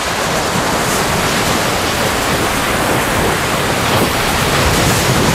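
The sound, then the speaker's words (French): Ocean waves wash onto a shore in a continuous, loud roar of surf, with no distinct lulls between breakers and no voices present. “Et bien sûr, le son à retrouver aujourd'hui, c'était les vagues, voilà, tout simplement.”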